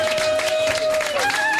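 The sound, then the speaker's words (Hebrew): A crowd applauds Israeli army Golani soldiers arriving at Tel HaShomer, a dense, steady wash of clapping and cheering that fills the short moment, with a thin sustained whistle-like tone running through it. “ערב טוב חיילי צה"ל, תשאו להם מחיאות כפיים!”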